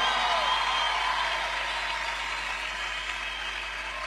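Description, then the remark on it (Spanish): An audience applauds for the Lord in a dense, steady wash of clapping that holds for about four seconds, easing slightly toward the end, with no speech over it. “Oye, ese aplauso para el Rey de la Misericordia, el Rey del Amor.”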